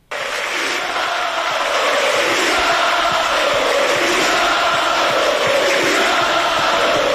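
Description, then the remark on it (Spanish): A large football stadium crowd in Santander, Spain, roars and applauds steadily as fans salute departing player Gustavo Puerta, a dense, loud wash of cheering and clapping that holds constant for several seconds with no single voice standing out. “La afición lo saluda para radio y le aplaude, saluda a la tribuna.”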